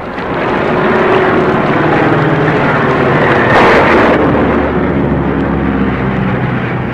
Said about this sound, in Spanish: Pero una fuerte tormenta los había sorprendido en pleno vuelo. Una tormenta tan común en aquellas latitudes que zarandeaba el pequeño avión de un lado a otro.